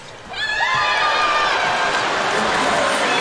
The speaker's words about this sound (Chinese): 越南队发球下网，继续拍手，一起加油，拍手。